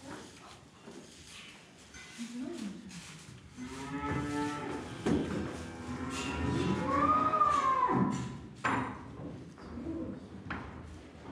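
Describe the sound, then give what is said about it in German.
A dairy cow moos repeatedly just after giving birth, licking dry her calf that is only one minute old, with long, low, wavering calls rising and falling, alongside softer lowing and some background noise; no one speaks. “Das Kalb ist gerade mal 1 Minute alt und wird von der Mutter trocken geleckt.”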